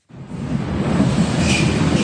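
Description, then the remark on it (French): The last subway train of the night pulls out of Jungfernheide underground station in western Berlin at 1 a.m., a steady, fairly loud rumbling roar with a faint metallic hiss above it. No voices are heard. “1h du matin, le dernier métro vient de quitter la station de Jungfernheide à l'ouest de Berlin.”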